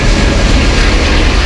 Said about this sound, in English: It's a sound that you hear when you're standing on the platform and a train is just about to leave the station.